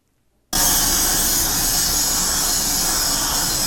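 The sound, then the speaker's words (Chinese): After a brief silence, a loud, harsh grinding roar from polishing tools kicks in as production-line workers in a factory in Taiwan polish parts. It holds steady and continuous, with a bright, hissing edge and no voices. “伴随刺耳消息声，产线员工专注打磨”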